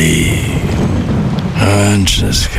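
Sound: rain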